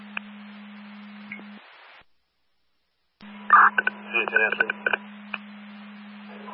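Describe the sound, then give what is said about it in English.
Telephone dialing tones chirp in a quick cluster of short beeps over a steady low radio hum, following a brief silent gap, fairly loud, as a phone calls a station. “phone calling station.”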